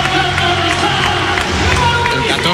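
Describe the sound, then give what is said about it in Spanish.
A loud, dense stadium crowd at Camp Nou roars steadily throughout, with cheering, scattered clapping and a wash of babbling voices, sustained without a break, an ovation for Anthony Gordon at an FC Barcelona player presentation. “Oye, ha sido como mucho más ovación a Anthony Gordon”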